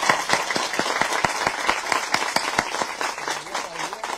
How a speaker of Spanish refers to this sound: Démosle un fuerte aplauso a nuestra Virgen del Carmen de Bartolillo.